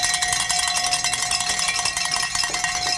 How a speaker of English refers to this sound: And Sly has given us the signal to ring some bells here, folks.